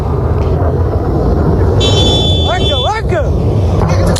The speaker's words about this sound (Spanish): Las sirenas han alertado a la población kuwaití para que se dirija a lugares seguros. Ese es el sonido.